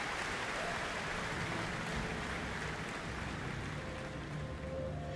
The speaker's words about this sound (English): was an orchestral arrangement of the Vallata Po Kare Kareana, attributed to Pereira Tomona, performed by pianist Serena Wang and Shanghai Symphony Orchestra, conducted by Long Yu. Earning a very warm applause here for their cultural exchange gesture.